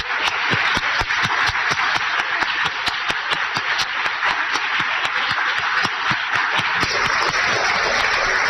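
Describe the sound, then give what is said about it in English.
Sustained audience applause for the inductees to a Wall of Fame at a ceremony, a dense steady wash of many hands clapping with sharp individual claps popping out, loud and continuous for several seconds with no voices. “to please stand for one final round of applause for sharing your incredible stories today.”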